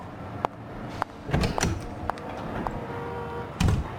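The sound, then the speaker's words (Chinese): A female secretary closes an office door: a few sharp latch clicks, a muffled thump as it swings shut, then a final firm knock near the end. No one speaks. “女秘书关门以后，冷风还在思考着他刚才送来的那份材料”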